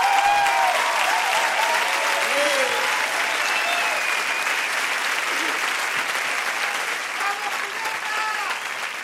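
A large audience applauds steadily and loudly, a dense wash of clapping with some cheering and whistles on top, sustained for the whole stretch and only slightly fading toward the end.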